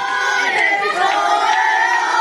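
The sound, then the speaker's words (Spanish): A large crowd chants a celebratory cry in unison for Spain's championship win, a loud, sustained roar of many voices with rising, drawn-out tones and no pauses across the whole stretch. “¿Cuántas veces escucho ayer este grito por las calles y las ciudades de toda España donde el punto, el epicentro fue Estados Unidos, Nueva York?”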